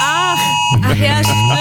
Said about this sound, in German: Bundesweiter Warntag ist heute. Das heißt also, unser Handy macht wahrscheinlich Geräusche, die man vorher noch nie von dem Teil gehört hat.